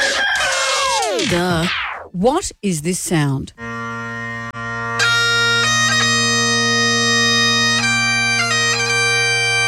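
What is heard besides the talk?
bagpipes playing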